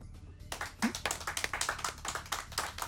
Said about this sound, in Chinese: 哎呀，既然大家都同意的话，我们就一致鼓掌通过吧。